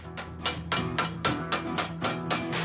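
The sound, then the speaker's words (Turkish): A steady series of about nine sharp hammer blows turning over the edge of a handmade aluminium panel, working around it, each strike ringing with a bright metallic tone, fairly loud with no talking. “Şimdi çevresinden dolaşıp kenarı döneceğim. Sadece bir çekiçle işimizi bitireceğiz.”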